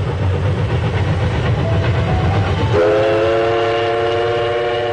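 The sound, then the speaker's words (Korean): A train rolls slowly along the rails through spring countryside of rapeseed flowers, rice paddies and willows with a steady rumble, and about halfway through a long, loud horn blast sounds and holds to the end. No one speaks. “기차가 천천히 달리는 동안 창밖에는 유채화와 벼밭, 보드나무가 푸르게 펼쳐졌다.”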